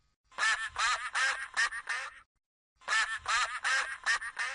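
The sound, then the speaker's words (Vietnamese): A duckling quacks in two rapid bursts of about five loud, nasal quacks each, with a short silent gap between them, clear with nothing else audible. “Quack, quack. Chú vịt con tên là Duck.”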